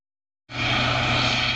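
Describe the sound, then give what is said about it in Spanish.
After a short silence, a loud, steady engine roar with a low throbbing drone starts abruptly and holds: a Guardia Civil helicopter flying overhead at night over El Rompido, Huelva, following two boats linked to drug trafficking. “Con este sonido se despertaban la pasada noche los vecinos del Rompido, en Huelva. Un helicóptero de la Guardia Civil seguía 2 embarcaciones relacionadas con el narcotráfico.”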